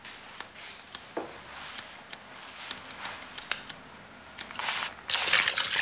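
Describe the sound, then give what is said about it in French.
Scissors snip through hair at a hairdresser's with a rapid, uneven series of crisp metallic clicks, and a steady airy whoosh swells up in the final second. “Tu entends les cliquetis des ciseaux?”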